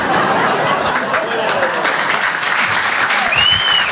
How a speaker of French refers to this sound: Là, c'est les provinciaux qui applaudissent.